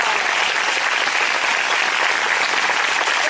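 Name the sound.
church audience applauding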